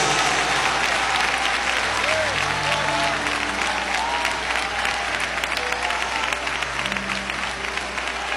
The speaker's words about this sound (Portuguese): Com palmas e glória a Deus, bem forte, bem alegre. É pra Jesus.